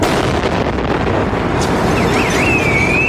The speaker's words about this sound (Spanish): Los terroristas hacen estallar al paso del autobús un explosivo colocado en los contenedores más próximos a la parada. El estruendo y la vibración de esa explosión llegan a la calle Sagunto,